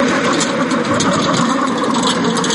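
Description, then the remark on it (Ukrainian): A steady engine drones, a continuous mid-pitched mechanical hum of an unmanned ground robotic vehicle, a Hyena strike drone, running as a trainee learns to drive it, holding an even level throughout with no voices. “Віктор вчиться керувати наземним роботизованим комплексом”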